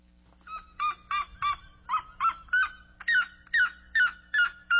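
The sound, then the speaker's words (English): A red-legged seriema calls in a loud, steady series of about a dozen sharp, yelping notes. The later notes rise slightly in pitch, with no talking over them. “Red-legged saurian.”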